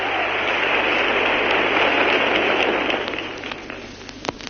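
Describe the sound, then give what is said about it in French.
Loud, dense applause from a large crowd greeting the appearance of film director Jean Renoir, a steady roar of clapping that thins out toward the end until scattered individual claps stand out. “Un tonnerre d'applaudissements souligne son apparition.”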